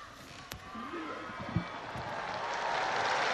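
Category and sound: crowd, crowd applauding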